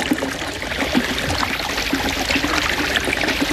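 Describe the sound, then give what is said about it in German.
Water splashes and burbles steadily from a clear spring in the middle of a desert, bubbling like a small fountain, a continuous trickling and pouring with bright, bubbly detail and no voices. “Herr Turtur wohnte mitten in der Wüste bei einer klaren Quelle, die wie ein kleiner Springbrunnen plätscherte.”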